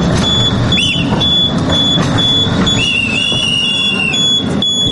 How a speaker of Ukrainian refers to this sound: Наступне завдання – рух заднім ходом. Орієнтир – лише свистки партнера.